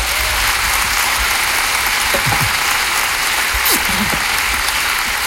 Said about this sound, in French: Il est dans la salle ce soir, on peut l'applaudir.